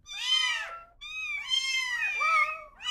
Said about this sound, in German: Katzen lernen Wörter schneller als Kleinkinder. Und sie passen ihre Miaulaute ihren Menschen an.